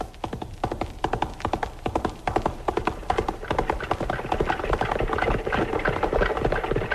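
Rapid, rhythmic hoofbeats of galloping horses pound, then give way to a denser, rumbling clatter of a horse-drawn wagon rolling along. No voices are heard.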